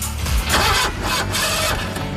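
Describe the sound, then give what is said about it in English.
A car engine cranks slowly and laboriously, with repeated rhythmic starter pulses that struggle without catching, loud. “Starting slow? Heat can damage your battery.”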